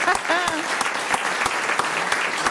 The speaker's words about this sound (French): On peut vous applaudir, c'est vrai. Je vous ai coupé les applaudissements.